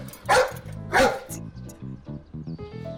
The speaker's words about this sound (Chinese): 我告诉你啊，我这狗可只咬坏人。